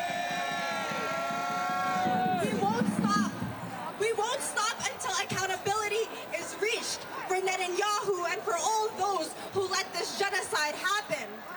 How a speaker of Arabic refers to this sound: على بعد خطوات من مقر الأمم المتحدة، هذا التجمع الحاشد هنا يهتف بشعارات منددة بمشاركة رئيس الحكومة الإسرائيلي بنيامين نتنياهو في أعمال الجمعية العامة للأمم المتحدة، كما يتهمه بممارسة الإرهاب بحق الشعب الفلسطيني